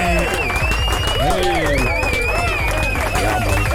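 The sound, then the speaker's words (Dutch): An audience claps loudly and steadily for a male guest, with cheers and overlapping voices mixed into the dense, continuous burst of applause. “Nogmaals, dames en heren, geef de man een grote vibes applaus.”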